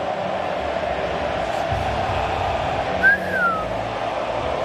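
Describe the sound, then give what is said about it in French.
A dense stadium crowd roars and sings in a steady wash of noise, with a single sharp whistle sliding downward partway through, as Argentine supporters in the stands sing and whistle during God Save the King. “Ah, ça siffle, hein, dans les tribunes argentines, je crois, non? Il y a un mix des deux. Ça chante et ça siffle.”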